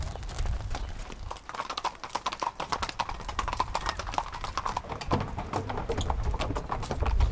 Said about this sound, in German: Über die Promenade muss Lotta mit den 4 Pferden jetzt zur Arena am Strand.